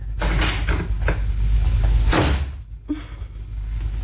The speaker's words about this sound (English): Thought I heard the front door. You did, my pet.